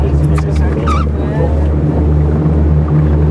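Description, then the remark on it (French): A boat's engine drones loudly and steadily, a deep throbbing hum as the boat sets off after a storm in the Gabonese mangroves, with faint indistinct voices and brief chirping sounds above it. “Après l'orage, le pilote donne enfin le feu vert pour le départ du bateau.”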